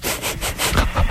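A radio caller asleep on the phone line: heavy, raspy sleep breathing, like a ragged snore, in quick rough pulses with a sawing, sputtering quality. It is fairly loud, with no talking.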